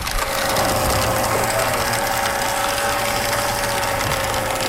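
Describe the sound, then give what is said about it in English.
A loud, steady mechanical grinding and rattling runs throughout, a shredding machine with a custom bit churning book pages, mostly textbooks from the Okanagan College Library, into confetti, with a constant high whine and a low rumbling drone, no voices present. “So we shred the pages of the book, and then we soak them in water,”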